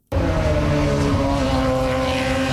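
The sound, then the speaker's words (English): Indy cars race on the temporary circuit at the inaugural Ontario Honda Dealers Indy in Markham, Ontario. Their engines roar loudly and continuously in a steady high-pitched whine sustained from start to finish, with no talking. “Indy cars are hitting the track for the first time in Markham, Ontario today.”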